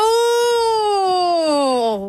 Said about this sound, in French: On dirait une sirène.